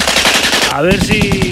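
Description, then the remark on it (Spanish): Loud, rapid machine gun fire rattles in a steady stream of shots, joined halfway through by a rising tonal whine that holds under the continuing bursts. “Va a haber que ser certeros, ¿eh? En los disparos.”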